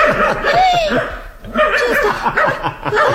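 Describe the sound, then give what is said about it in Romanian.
The neighbour's small dog yaps and yips excitedly in quick, high-pitched, loud bursts, with a brief lull midway before the eager barking starts up again. “Te-a uitat cățelul”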